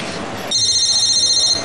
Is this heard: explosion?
no